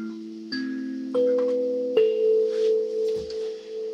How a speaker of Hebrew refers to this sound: וזהו, הסנסולה זה כלי שבעצם מיוצר בגרמניה, אבל הוא שייך למשפחת הקלימבות. יש לו את הסרגלי מתכת האלו.